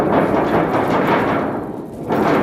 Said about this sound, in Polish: Piękna burza. No wspaniała, więc jak takich elementów nie wykorzystać podczas lata i wakacji na naszych zajęciach? Trzeba koniecznie. Te wszystkie burzowe dźwięki i deszczowe możecie znaleźć na wystawie w miejscu, gdzie jest scena.